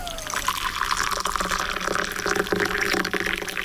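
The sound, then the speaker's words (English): Hot water from a kettle pours steadily into a teacup to make a steaming cup of tea, a continuous splashing, gurgling stream with a faintly rising pitch as the cup fills, no voices over it. “Look at that, a nice steaming hot cup of tea for me.”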